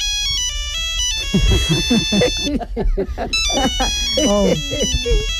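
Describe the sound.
A mobile phone ringtone plays a bright, repeating electronic melody throughout as an incoming call rings unanswered, while voices talk loudly over it from about the middle onward.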